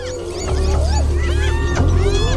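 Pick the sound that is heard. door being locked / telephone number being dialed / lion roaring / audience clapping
lion roaring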